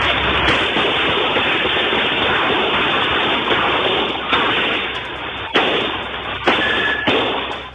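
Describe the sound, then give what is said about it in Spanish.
Several sharp gunshots crack out at irregular intervals over a constant, heavy noisy roar, a muffled, low-quality recording of an intense shootout on a public street in a busy area with shops, between a group of at least four criminals and security guards. “La situación derivó en una intensa balacera en plena vía pública en un sector con alta afluencia de personas y locales comerciales.”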